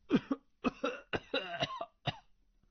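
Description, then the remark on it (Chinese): A fairly loud run of about five harsh coughs in quick, uneven succession, with brief raspy pauses between them and nothing else in the background. “说着连连咳嗽。”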